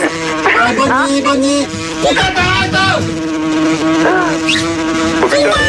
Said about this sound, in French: Les mouches arrivent